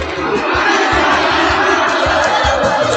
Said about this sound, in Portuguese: E a torcida cantando.